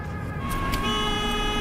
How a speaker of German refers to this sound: Ein LKW, da Lichter.